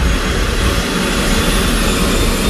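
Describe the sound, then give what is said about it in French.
A firefighting helicopter on the tarmac spins its rotors up to full speed in under three minutes as the crew responds to a vegetation fire; rotors and engine roar loudly and steadily, a dense continuous whine and rumble with no pauses and no voices. “En moins de 3 minutes, les hélices tournent à pleine vitesse.”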